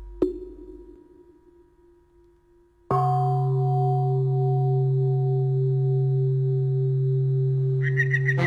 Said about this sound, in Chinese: 你听，这钟声像是从很远的地方传来的。 啊，那是青云寺的晨钟